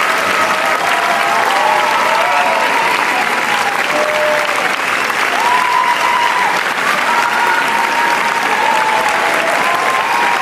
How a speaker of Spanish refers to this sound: Sí, hay una qué ovación guay. De 20 minutos, evidentemente la gente da la vuelta aplaudiéndoles.